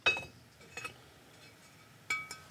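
Several bright, ringing taps on a fired clay pot, just taken from a master potter's cooled kiln in Avanos, Cappadocia, to test its firing quality: a pair at the start and another pair near the end, each leaving a clear high tone that lingers briefly.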